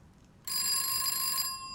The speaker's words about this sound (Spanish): Tranquilo, es el teléfono fijo. Yo contesto.